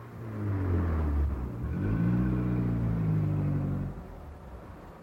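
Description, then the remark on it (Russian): A car engine revs up loudly, its pitch rising and falling as it accelerates for about four seconds before easing off, with a low rumble throughout. “Мы же видим машину!”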